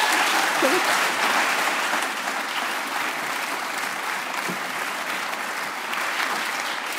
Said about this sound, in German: Deinen Applaus nochmal.